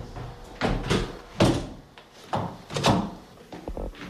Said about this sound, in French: Merci de m'avoir ouvert ces portes-là. On va les refermer.